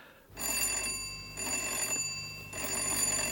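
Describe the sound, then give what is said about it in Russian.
An insistent electric doorbell rings in three long bursts, each a steady metallic trill with bright, sustained high tones and only brief gaps between rings. No one speaks. “Звонок настойчивый, значит, это женщина.”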